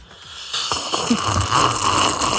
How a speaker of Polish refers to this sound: Słuchajcie, jaki jest Międzynarodowy Dzień Herbat, no to trzeba sobie siorbnąć taką herbatkę i robimy konkurs, kto najgłośniej potrafi siorbać. Ja zaczynam.